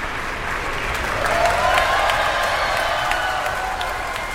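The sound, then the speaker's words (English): Sustained applause from a symphony orchestra concert audience as the timpanists and other players stand to acknowledge it after a 45-minute symphony, a dense steady patter of many hands clapping at an even loudness throughout, with faint scattered voices mixed in. “Two timpanists acknowledging their applause there.”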